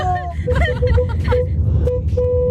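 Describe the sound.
A car horn honks several times in short, steady-pitched bursts with uneven spacing, sounding loudly over a constant low rumble of road traffic and faint background voices.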